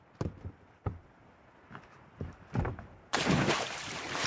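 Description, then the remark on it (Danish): A few dull knocks and thuds, then a sudden loud splash as a person jumps into water on a repeat jump, with a broad rush of churning water that carries on to the end. “Ja, der var et ordentligt plask i hvert fald, kunne vi høre der.”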